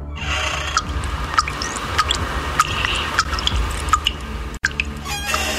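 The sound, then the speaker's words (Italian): Condensed water drips steadily from a device into a glass placed beneath it after a knob is turned, each drop a small, bright plink arriving roughly every half second over a low background hum, with no voices. “Ora metti un bicchiere lì sotto e gira la manopola.”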